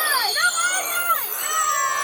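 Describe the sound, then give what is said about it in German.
A group of seven boys shouting and yelling together as they charge out of a forest, their overlapping high-pitched cries rising and falling continuously, loud, with no clear words. “Als aber der neue Schneemann fertig war, dauerte es gar nicht lange und wieder kamen die 7 Jungen mit lautem Geschrei aus dem Wald gestürmt.”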